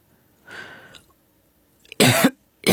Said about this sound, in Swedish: … hostar så det rosslar.